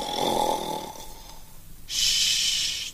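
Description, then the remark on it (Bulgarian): A man's loud snore, heard from afar as he sleeps in his lair: a raspy, rumbling inhale, a brief pause, then a sharp hissing exhale, with no talking around it. “Отдалече се чувало юнашкото му хъркане.”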